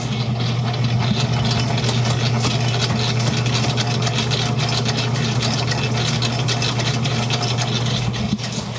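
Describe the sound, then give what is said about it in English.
A large industrial dough mixer nicknamed Big Betty runs steadily. It has a big metal screen around it and is used to mix big batches of dough and icing. Its motor gives a loud, constant low hum with a busy mechanical whir and rattle layered on top, unchanging throughout with no voices. “It also has a motor that goes all the way up to 4, and that is really fast. But we use this to mix big batches of dough, big batches of icing”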